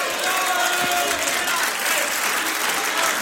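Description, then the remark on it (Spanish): A standing audience claps loudly and steadily in thanks to the Lord, a dense wash of many hands sustained at an even level throughout, with faint voices mixed into the applause. “Póngase de pie, amado hermano, y bríndele un fuerte aplauso al Señor de agradecimiento. Que suene fuerte.”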